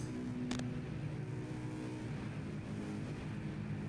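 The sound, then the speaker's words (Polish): A car engine rumbles low and steady, with a brief sharp click near the start, as a man who has got into the car drives away. No one speaks. “Wsiadł więc do samochodu i ruszył w swoją ostatnią podróż.”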